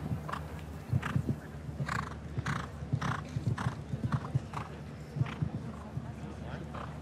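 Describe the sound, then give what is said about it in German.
A horse's hooves thud in uneven bursts of clip-clop on soft ground as the show jumper Millfield Quickstar, ridden by William Whittaker, jumps a clear round at an international show jumping event, while a man's voice talks steadily over them. “Und letzte Woche in Belgien, in Lier, den großen Preis gewonnen mit diesem Pferd Quickstep hier.”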